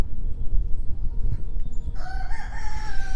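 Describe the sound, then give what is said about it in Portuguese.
A rooster lets out a single crow after a couple of seconds of low, rumbling background noise, its call rising and wavering and clear. “É, canta galo.”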